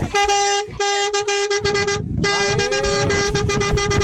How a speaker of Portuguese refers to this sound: Quero buzinar.